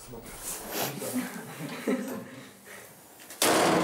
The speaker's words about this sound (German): Ich muss die Tür noch einmal wieder zumachen.